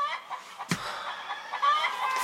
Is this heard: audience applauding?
no